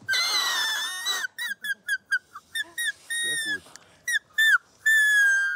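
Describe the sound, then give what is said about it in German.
A shrill, reedy squeal from a grass blade held between thumb and index finger, with the other thumb beside it to form a blow hole: one long wavering note, then a quick run of short squeaky toots, ending in another sustained tone, with a brief spoken remark. “Den Grashalm nimmt man zwischen Daumen und Zeigefinger, zieht den hier so rüber und hält den anderen Daumen hier so daneben.”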